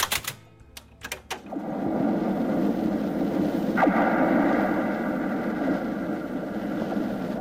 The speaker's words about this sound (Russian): Это звенят от ветра провода антенн. В Баренцевом море, на далеком маяке, жил наш корреспондент Геннадий Цыпулин.